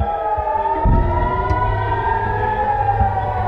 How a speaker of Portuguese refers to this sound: Em território israelita, soaram as sirenes de alerta para ataque aéreo. Aconteceu durante toda a noite.